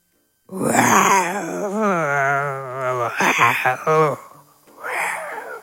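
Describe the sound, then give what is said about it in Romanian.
A person vocally imitates a hungry tiger with drawn-out, wavering growling moans, loud, ending in a shorter groan after a brief pause. “Fă un tigru care e foame.”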